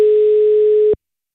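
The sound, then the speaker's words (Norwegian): One steady, electronic telephone ringback tone sounds clearly for just under a second, then cuts off into silence, as a drawn phone number is called to reach a possible prize winner and someone is waited on to pick up. No one speaks. “Og så skulle vi jo meget gerne have nogen, der tager telefonen.”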